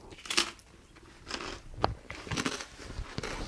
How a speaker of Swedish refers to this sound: Bra radioljud med. Det är inte det värsta att höra, någon som knastrar. Nej, det är det bästa, känner jag själv nu.